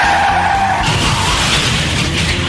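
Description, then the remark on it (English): A truck's tires skid and screech under hard braking as a deer jumps in front of it, a loud, continuous squeal with a steady tonal band, running the full length with no voices. “On the way home from the game, a deer jumps in front of your truck.”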